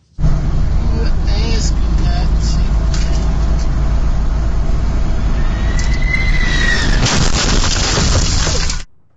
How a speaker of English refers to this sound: Harrowing dash cam video from inside the bakery truck showed the moment of yesterday's collision.